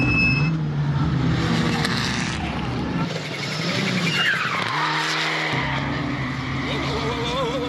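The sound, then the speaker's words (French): An all-wheel-drive car with AWC technology driven hard through a corner, tires squealing continuously over a loud engine that revs and shifts pitch for several seconds. “Et puis, c'est sûr que la technologie AWC, ben, là, on la sent vraiment bien.”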